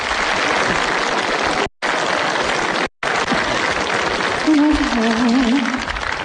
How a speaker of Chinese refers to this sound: 接下来的时间小楼给您安排的，这是一段小品，由赵本山、范伟和王威早年合作的一段城市打工妹，咱们掌声请上这三位演员。